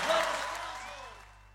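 A burst of applause from a crowd, dense and bright at first, then thinning and fading out over about a second and a half, with a faint sweeping tone underneath.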